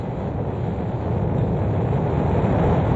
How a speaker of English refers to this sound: Ignition sequence start. Engines on. 5, 4, 3, 2, 1. All engines running. Launch commit. Liftoff. We have liftoff at 9:34 a.m. Eastern Daylight Time.